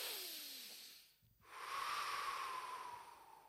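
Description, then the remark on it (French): A deep, airy breath drawn in, a brief pause, then a long, steady exhale, fairly loud with a slightly wheezy hiss. No talking. “inspiration, respiration, à nous faire ensemble”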